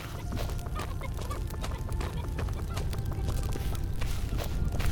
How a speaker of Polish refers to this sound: To chyba kura była, ale szybka bardzo.